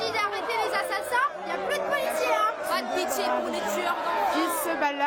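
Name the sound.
crowd shouting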